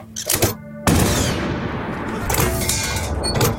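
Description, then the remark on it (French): A 75 mm artillery cannon of Leclerc's troops fires at the fortress of Kufra in the desert with a sudden loud blast, followed by a long, dense roar and rumble that lingers to the end, after a brief burst of mechanical clatter. “Et donc, il va donner l'impression avec un canon de 75 mm qu'il a, en fait, c'est pas qu'un canon qu'il a, c'est toute une batterie.”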